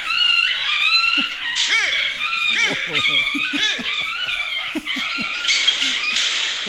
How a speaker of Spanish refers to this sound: El amigo se le armó un lío bárbaro con los perros. El perro, el gato, todos empezaron a gritar.